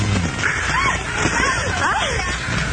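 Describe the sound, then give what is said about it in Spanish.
Water sloshes and churns steadily inside a waterbed, a continuous wet swishing that runs throughout, with voices talking and exclaiming over it. “La cama de agua tenía una piraña.”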